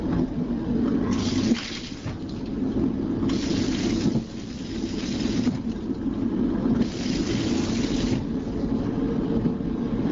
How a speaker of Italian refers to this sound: proviamo adesso ad ascoltare il suono di questo sciacquone.